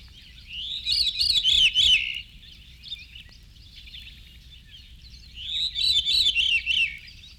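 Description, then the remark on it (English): A veery (Wilson's thrush) sings its natural call in two separate phrases, each a breezy, flute-like spiral of notes tumbling downward in pitch, with a few seconds of quiet between them over a faint low rumble. “This is the veery, his natural call.”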